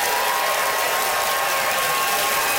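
A crowd applauds steadily for a few seconds, a dense, crackling wash of many hands clapping at once with no pauses and no one speaking, voting by applause for a contestant on stage.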